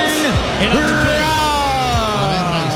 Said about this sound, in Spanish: primero el abucheo para Ben Rice. Ahí está. Va saliendo desde la tercera base.